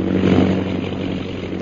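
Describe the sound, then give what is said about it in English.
A propeller plane flying low drones loudly and steadily overhead, a continuous throbbing roar that swells slightly before settling, with no voices. “Bring the plane down as low as you can.”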